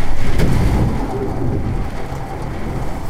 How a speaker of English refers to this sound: Sheets of rain were pounding the window like a fire hose. Wind gusts here topped 70 miles an hour. It almost sounded like there were waves lapping against the side of the building. I recorded a little bit of it.